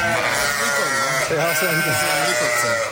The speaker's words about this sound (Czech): To je koncert. 400 ovcí